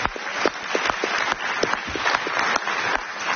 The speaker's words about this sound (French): Aussi, je voulais qu'on applaudisse tous ensemble les bénévoles qui font vivre le festival, s'il vous plaît. C'est quand même important.